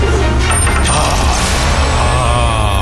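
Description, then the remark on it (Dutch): A coin is tossed for heads or tails and lands: a few quick metallic clicks, then a bright ringing wobble that trails off as it settles on a hard surface. “Kop of munt.”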